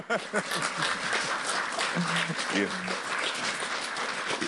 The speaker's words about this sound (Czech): I jenom mluvit o tom vede ke tleskání.